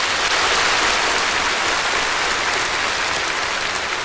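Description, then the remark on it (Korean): Loud, sustained applause from a large crowd as Communist Party General Secretary Xi Jinping finishes a line of his report, a dense, even roar of clapping that holds steady for several seconds without any voices. “습근평 총서기가 이 말을 끝내자 현장에서는 우려와 같은 박수 소리가 터져나왔습니다.”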